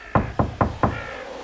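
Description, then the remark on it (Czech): Four firm knocks on a wooden door in a steady, evenly spaced rhythm, fairly loud, followed by a quiet pause. “Zaklepej ty.”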